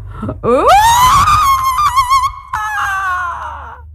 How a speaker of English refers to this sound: Then she held it over her head and with a roar, and she did not know where that roar came from, she sent out her most terrifying scream.